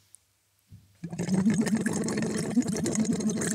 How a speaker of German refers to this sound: Und blubbern da rein. Genau. Ein bisschen höher vielleicht. Also dieser Schlauch, das ist.